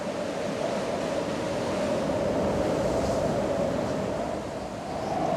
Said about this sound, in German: Immer häufiger schickt der Atlantik jetzt Schlechtwetterfronten. Böen mit Orkanstärke wühlen das Meer auf.